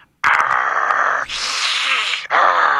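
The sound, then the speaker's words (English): A caller imitates the growl of a bear he says is in his crawl space: a harsh, raspy, sustained rumble in three long breaths, the middle one noisier and breathier, loud and continuous with no words. “I can hear him down there growling. You can? What does he sound like? You know, it's kind of a growling, kind of a”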